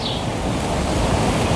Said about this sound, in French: Mais pour l'instant, départ pour le célèbre village de Collioure. L'air de la Méditerranée, le vent